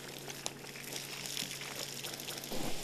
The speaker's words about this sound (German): Damit die heiße Kohle aus dem Meiler nicht weiter verbrennt, löscht Michael sie vorsichtig mit wenig Wasser ab. Das verdampft sofort.